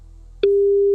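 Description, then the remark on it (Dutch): A telephone ringing tone starts a moment in: one steady, loud electronic beep at a single pitch, held continuously to the end, with no voices. “Hoef je alleen nog goed op te nemen.”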